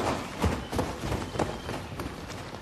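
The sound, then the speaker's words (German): Several people run together, their hurried footfalls thudding in an overlapping, uneven rhythm, with no voices over the pounding steps. “Vielleicht können sie nicht rennen wie wir.”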